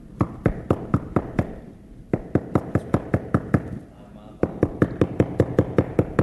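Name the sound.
knocking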